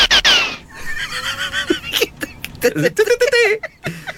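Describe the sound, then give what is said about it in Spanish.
A shrill horse whinny opens, followed by a quick, loud jumble of other farm animal calls, bleats and lowing cries overlapping in close succession like a stacked set of livestock sound effects. “Ahí van los efectos. Métele todo, métele a la... El ganado se fue. Las vacas.”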